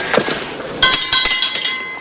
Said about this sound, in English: Jack rings a small bell and knocks.